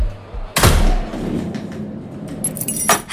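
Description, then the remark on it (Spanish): Loud festival firework rockets, the first of the last day of the town's main festival: one bangs, its boom rolling and echoing for a couple of seconds, then a second sharp blast goes off near the end over a low outdoor rumble. “están sonando ahora los primeros cohetes en este último día de fiesta mayor aquí en Sahel.”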